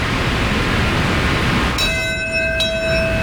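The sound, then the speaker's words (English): A memorial bell tolls at the ceremony at Ground Zero in New York City, marking 25 years since the World Trade Center attack and the moment Flight 11 struck the North Tower at 8:46 a.m. Steady hissing comes first, then a ringing stroke and a second, lighter strike, with bright overtones lingering over the constant hiss. “Bell marking the moment Flight 11 struck the North Tower at 8:46 a.m.”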